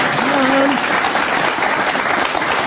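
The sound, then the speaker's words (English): An audience claps steadily for a few seconds, a dense, even patter of many hands, with a brief voice calling out over it near the start. “You're supposed to clap it.”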